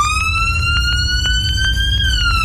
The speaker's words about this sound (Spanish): Sí, las sirenas de la ambulancia que chocó, ¿eh?